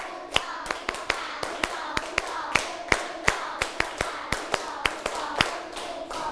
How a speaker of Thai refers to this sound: ตั้งสติปรบมือ1ชุดปรบมือ2ชุดปรบมือ3ชุด